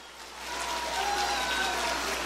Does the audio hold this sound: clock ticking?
no